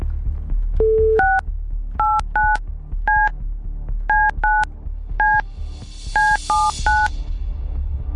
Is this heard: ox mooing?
no